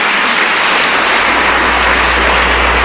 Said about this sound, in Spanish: Apláudamele fuerte ahora en el nombre del Señor, amén, amén.